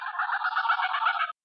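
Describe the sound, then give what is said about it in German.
A dense, raspy burst of geese honking and cackling, fairly loud, running continuously for just over a second before cutting off abruptly, with no other sounds. “Das klingt deutlich gänsiger.”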